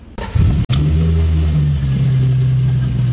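The starter of either the Gusheshe or the Homage Edition car cranks for about half a second, then the engine catches with a sharp burst, flares briefly and settles into a loud, steady, low-pitched idle rumble.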